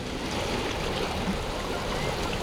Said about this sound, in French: Quoi? Que dites-vous? Parlez plus fort! Le bruit du vent couvre vos paroles!